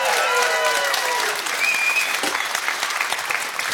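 Steady, loud applause from a crowd fills the whole stretch, dense clapping with a few brief whistles or cheers rising above it.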